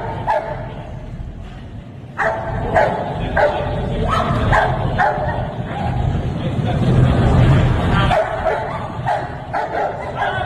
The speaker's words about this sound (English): Most bad guys are afraid of the dogs. They're like, man, anything but the dog. They don't want nothing to do with that dog. No. Because that dog comes in and makes your arm hamburger meat. Yep. He bites until they tear him off you.